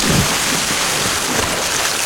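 A water skier falls headfirst into the water, a deep splash at the start giving way to steady, loud churning and rushing water noise that fills the rest of the moment, with no voices.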